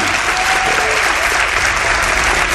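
Sustained applause from an audience for a guide, a dense steady wash of many hands clapping at once, loud and even throughout without any voices standing out.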